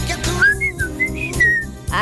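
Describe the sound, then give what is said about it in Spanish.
A person whistles a short signal call that a group of friends used to call each other from house to house to meet up, a clear melodic phrase of several sliding notes rising and falling, distinct over a low, steady background hum. “ese era el silbido de nosotros.”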